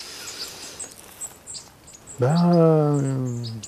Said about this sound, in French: Il y a tout plein d'oiseaux, effectivement, là au-dessus, là, tac, tac. Ouais. Il passe, là.